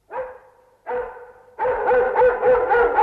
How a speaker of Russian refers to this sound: А, так вас облаяли. Ну что ж... Это и с нами случалось. А собака у нас была хорошая, породистая,